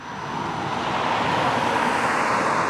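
Steady roar of traffic on a large road at the edge of the town of Gotha in Thuringia, Germany, a broad continuous wash of engine and tyre noise that swells slightly in the first half second and then holds constant, loud.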